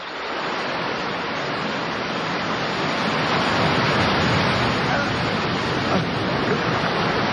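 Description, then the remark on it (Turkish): A loud, continuous roar of surf, majestic foaming waves pounding against jagged, sharp rocks about 10 metres below, a dense wash of churning water that never lets up, steady with no voices. “Aşağı baktığımda sivri sivri kayalar ve onları döve döve köpüren haşmetli dalgaları görüyordum.”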